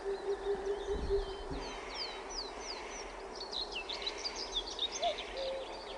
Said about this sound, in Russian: А вот это называется глухая кукушка. И вот в слове ку-ку, по-моему, она первую ку потеряла. Давайте послушаем.